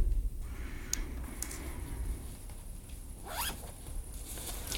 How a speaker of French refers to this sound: Pour ce début de juillet, j'ai voulu enfin faire mon premier bivouac dans la forêt de l'année. Et vous écoutez en arrière-plan le bruit de moi qui installe mon campement.